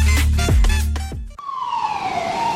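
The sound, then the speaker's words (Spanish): An ambulance siren wails loudly, its tone sliding steadily downward, after a heavy low rumble broken by a couple of dull thumps. “Contamos con una ambulancia fluvial disponible las 24 horas, los 365 días del año, para brindar atención médica gratuita ante emergencias”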